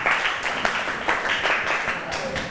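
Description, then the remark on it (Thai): A class of students claps together for a group of classmates in a lesson, a steady, dense burst of applause, many hands overlapping into a continuous bright patter that holds at an even loudness for a couple of seconds. “ค่ะเก่งมากค่ะสำหรับกลุ่มนี้ปรบมือเพื่อนหน่อยค่ะ”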